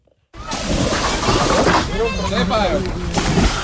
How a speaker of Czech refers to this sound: Jsou tady stovky lidí na lodích, ale hodně se jich přijelo také vykoupat. Extrémně vysoké teploty lákají turisty k chladné řece a jezera má vody dostatek na obojí.